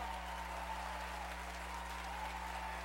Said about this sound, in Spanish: Un aplauso, por favor, a estos grandes artistas y amigos por estar celebrando con nosotros en esta noche tan especial. ¡Fuerte el aplauso!